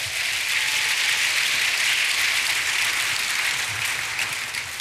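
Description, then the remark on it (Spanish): An audience applauds the King, God, before prayer, in a dense, steady wash of clapping that holds at an even, fairly loud level for several seconds, with no voices standing out. “Dale tu aplauso al Rey, vamos a orar.”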